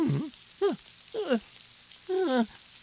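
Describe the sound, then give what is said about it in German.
Steady rain hisses throughout at a moderate level, with three or four short, wavering voice-like calls rising above the patter. “Und ich glaube, ich brauche jetzt wohl dringend einen Regenschirm.”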